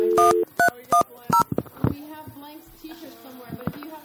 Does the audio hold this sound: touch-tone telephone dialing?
yes